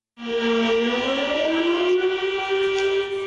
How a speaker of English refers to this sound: A siren sounded in Girong County to mourn the victims of the disaster. Rescuers, local officials, and residents stood in silence to honor those who died.